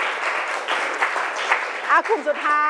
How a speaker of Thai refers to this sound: ปรบมือหน่อยค่ะปรบมือสองกลุ่มนี้ก่อน